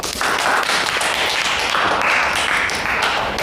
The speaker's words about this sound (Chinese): 说的真好，鼓掌。